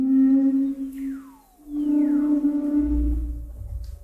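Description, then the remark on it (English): Song of humpback whales swimming through the frigid waters of Antarctica: long, moaning tonal calls with strong low hums and sweeping glides that slide downward in pitch, rising and falling in loudness over a low rumbling undertone. “of humpback whales swimming through the frigid waters of Antarctica.”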